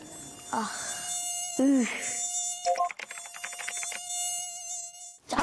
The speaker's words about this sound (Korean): 나 모기 이런 게 여름철에는 제일 짜증이 나. 맞아.